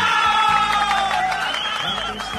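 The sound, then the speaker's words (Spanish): A short burst of canned applause and crowd cheering played as a sound effect on the show Salsa con Amor, steady and loud for about two and a half seconds, with a few high whoops rising over the clapping. “¡Aplauso!”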